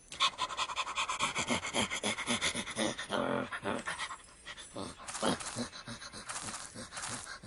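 A dog pants rapidly and steadily, a rhythmic stream of quick, breathy huffs with no talking, loud throughout with a brief slower stretch midway.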